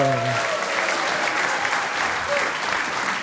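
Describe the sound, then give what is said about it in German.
Loud, steady audience applause for a performer introduced on stage, a dense wash of many hands clapping at once, with a brief voice at the very start. “Einen riesigen Applaus für Christian Schulte-Loh!”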